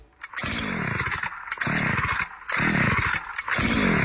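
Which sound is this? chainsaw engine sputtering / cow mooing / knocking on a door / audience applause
chainsaw engine sputtering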